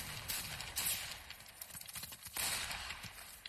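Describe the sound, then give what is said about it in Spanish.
Rapid bursts of gunfire crackle through a noisy battle scene at an outpost of American forces in a war film starring Lee Marvin and Mark Hamill, sharp cracks repeating irregularly over a dense, rumbling background of war-movie chaos. “Y aquí, en medio de los disparos, en una avanzada de las fuerzas norteamericanas, en este elenco también aparecía el señor Luke Skywalker, sí, el mismísimo Mark Hamill, que aquí interpretaba al soldado Griff”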